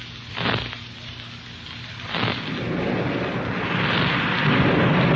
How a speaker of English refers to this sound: Hey, sounds like that thunder's getting lots closer, eh? Hey, did you see that flash of lightning? Yeah, plenty close, too.